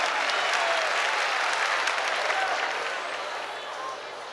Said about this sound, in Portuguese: Glory to God. Glória a Deus. Give the Lord a hand of praise. Vamos aplaudir o Senhor com as nossas mãos.